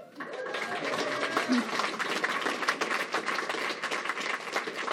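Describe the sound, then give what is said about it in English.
A crowd applauds steadily, dense overlapping claps at a fairly loud, sustained level for several seconds, with faint murmurs beneath. “Love the round of applause.”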